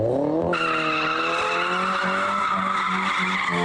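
Tires screech loudly and continuously as a car drifts, the shrill squeal rising in pitch at first and then holding steady with a wavering, sustained whine.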